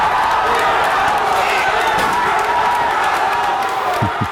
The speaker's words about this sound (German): Deutschland hatte schon 2 Elfer verschossen, ist dann dank Manuel Neuer zurückgekommen und konnte ausgleichen. Und in dem Moment war am Saarbrücker Osthafen hier, wo viele Fans das Spiel geguckt haben, der Jubel natürlich auch riesig gewesen.